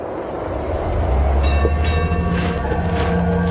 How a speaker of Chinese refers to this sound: 赶着骆驼运茶以里而行的驼队，终究追不上西伯利亚大铁路上呼啸而过的火车。